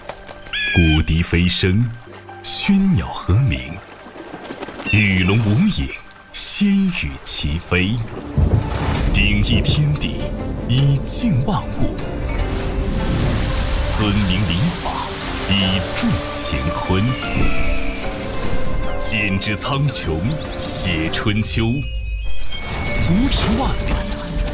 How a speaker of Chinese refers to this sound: 受近期黄河中上游降雨影响，黄河水含沙量增加，黄河壶口瀑布再次呈现出壮美的黄色瀑布景观，蔚为壮观。游客们驻足观景台，近距离感受壶口瀑布千里黄河一壶收的磅礴气势。